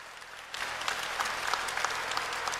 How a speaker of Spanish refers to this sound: Un aplauso fuerte al Rey de Reyes, Señor de Señores, el invitado especial.